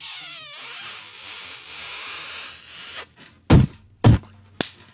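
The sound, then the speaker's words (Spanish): A long, wet, hissing spit-kiss sound lasts about three seconds, then three sharp, loud slaps like spanks ring out in quick succession, sent on a radio show as a greeting to two listeners, with no talking. “¿Le puedes mandar, por favor, un beso con escupida puerca y nalgada a Toque Pérez y a Ricardo Cureño?”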